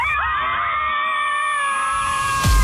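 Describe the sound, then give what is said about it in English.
A group of women scream together on a count of three to let it all out, one long, high-pitched, overlapping shriek that holds steady for a couple of seconds, loud, then cuts off with a low thump. “We are all going to scream together.”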